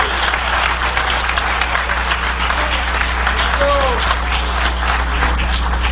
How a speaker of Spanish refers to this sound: Dale un aplauso de poder al Señor Jesucristo.